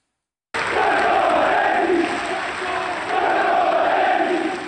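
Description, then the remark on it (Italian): A large crowd of rossoneri football fans chants in unison at Franco Baresi's funeral at the Basilica di Sant'Ambrogio in Milan, with flags bearing his shirt number. The chant is a loud, sustained roar of many voices with rhythmic rising and falling phrases, continuing steadily for several seconds with no other sounds. “Il numero della sua maglia sventola nelle storiche bandiere che hanno accompagnato la sua carriera insieme ai cori scanditi”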